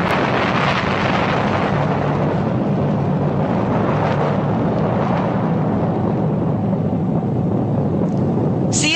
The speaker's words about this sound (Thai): ระเบิดคราวนี้มันกึกก้องราวกับฟ้าผ่าจนตัวคนเองก็สะดุ้ง